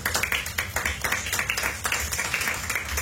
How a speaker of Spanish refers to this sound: Dale una ofrenda de palmas al Señor, iglesia.